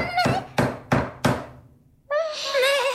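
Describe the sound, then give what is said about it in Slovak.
Four firm knocks on a door in an even, steady rhythm, each a hollow thud. After a short pause, a voice begins speaking in a drawn-out, high tone. “kto si klope?”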